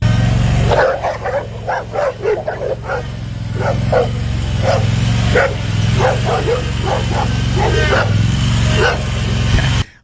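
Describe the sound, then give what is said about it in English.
Four dogs bark and yip excitedly in quick, overlapping bursts, circling a mower being driven, over the steady low rumble of its engine. “You got four dogs?”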